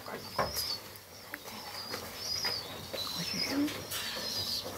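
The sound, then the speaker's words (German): A small injured bird with a drooping wing chirps in thin, high, repeated peeps, fairly faint and irregularly spaced, over soft background rustling and handling noise as it is handed over to an animal keeper. “Guck mal, wir haben hier einen Patienten für dich. Genau, der Flügel hängt.”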